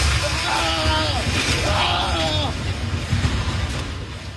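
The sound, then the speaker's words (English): A man shouts in two drawn-out bursts over a loud, steady rumble and roar during an earthquake, recorded at the airport in Pereira, about 50 kilometers from the epicenter near San Jose del Palmar; the din continues after his voice fades. “You could hear him shouting there.”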